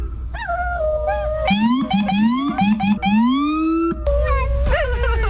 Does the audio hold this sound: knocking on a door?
no